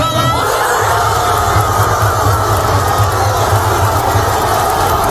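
A large crowd packing the Plaza Mayor in Burgos roars and cheers at night after Spain's first football goal, scored by Mikel Oyarzabal, a dense, steady wall of shouting voices that stays loud for the whole five seconds without letting up.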